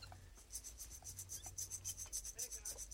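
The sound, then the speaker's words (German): A rattlesnake rattle gives off a dry, hissing rasp in quick rhythmic pulses, about a dozen bursts over a few seconds, fairly loud, with no talking. “Bingo. Klapperschlange.”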